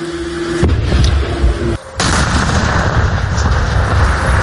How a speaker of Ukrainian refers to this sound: Після цього всі відходять на безпечну відстань. У небо запускають дрон, щоб переконатися, що поблизу нікого немає. Далі всі прямують в укриття, після чого сапери здійснюють підрив.